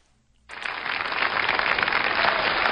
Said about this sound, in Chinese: 哎呀，春节好，这个朋友们一鼓掌啊，我明白什么意思，发现我越长越漂亮是吧？谢谢谢谢啊。